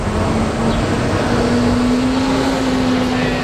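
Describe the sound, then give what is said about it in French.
A steady, fairly loud wash of car traffic on René-Lévesque Boulevard in downtown Montreal, with a low engine drone running underneath throughout and no voices. “sur le boulevard René-Lévesque, au centre-ville de Montréal, Daniel quête entre les voitures”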